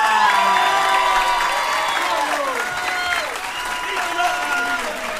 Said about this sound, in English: Hey, give it up for Chucky and Homegirl. Give them a big round of applause.